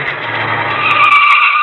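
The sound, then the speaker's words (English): A car screeches in with loud, sustained tire squealing over a low engine rumble, the skid holding steady for under two seconds. “And here comes a car.”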